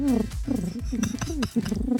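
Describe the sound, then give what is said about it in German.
A person imitates a pigeon's cooing with low, throaty, warbling voice notes repeating in a rolling rhythm, fairly loud, with no other sounds. “Ich habe ein paar Tiere am Start, nicht nur eins, zum Beispiel eine Taube.”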